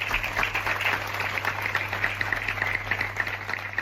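The townspeople of San Vicente applaud steadily in tribute after a double gender-violence murder, many hands clapping in a dense, continuous patter with no clear rhythm, over a low steady hum.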